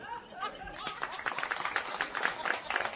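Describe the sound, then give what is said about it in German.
Audience applause for a very young musician, a dense crackle of many hands clapping steadily at moderate loudness, with a faint rhythmic pulse running through it and a hint of laughter mixed in. “Die Leute klatschen solange du dich verbeugst.”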